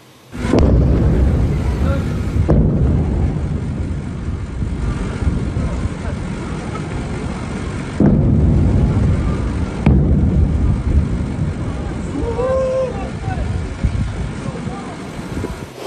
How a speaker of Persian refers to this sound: ویدیوی رسیده از مخاطبی به ایران اینترنشنال وقوع چندین انفجار را در بامداد 24 تیر ماه در سیریک نشان می‌دهد.